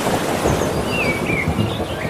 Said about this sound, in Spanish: Mira, vamos a juntarlo todo, ¿eh? Olas. Y algún trueno.